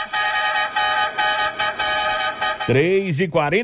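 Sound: vehicle horn honking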